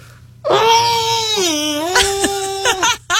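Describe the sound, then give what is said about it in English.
A loud, sustained opera-style scream, muffled into a shirt, holds a high wavering note that dips and rises again, then breaks into a few short vocal bursts before cutting off. “Let me try to opera scream into my shirt here.”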